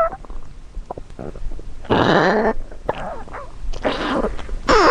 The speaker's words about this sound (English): So I was sitting in bed the other night and I heard this strange sound coming from the foot of my bed. And it turns out it was my dog's stomach.